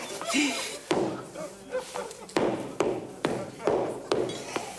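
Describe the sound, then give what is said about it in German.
Hammering: around seven sharp, ringing blows struck at an uneven pace, each one loud and abrupt, with a brief murmur of voice before the first strike. “Wozu hat Hubert Henne seinen Hammer?”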